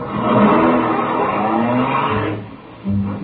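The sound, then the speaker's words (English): A car engine revs and pulls away in wet, rainy weather, a loud rising roar with rushing road noise that eases off near the end before a brief low rumble returns. No one speaks. “Let's get back in the car.”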